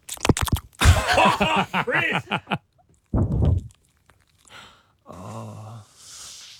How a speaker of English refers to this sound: It's my dog sleeping, by the way.